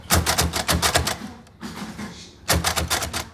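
Rapid, loud clacking of braille typewriter (Brailler) keys in quick bursts as children learn to use it, pausing briefly in the middle before resuming with the same sharp mechanical rhythm, without any voices.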